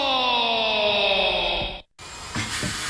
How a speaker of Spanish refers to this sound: Primo, ¿y ese taladro? Suena como si mordiera el cemento. Claro, hombre. Eso es un Magnum. Ese taladro trabaja más que yo un lunes con ganas de quincena.